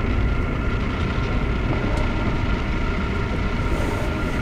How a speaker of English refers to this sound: Is that the train?